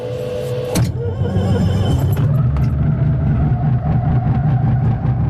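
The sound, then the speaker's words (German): A small two-seater propeller-plane engine is started: it cranks with a couple of sharp bursts, then catches and settles into a loud, steady, throbbing drone. No voices are heard. “wir machen die Tube zu und starten den Motor.”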